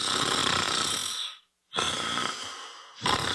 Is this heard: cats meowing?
no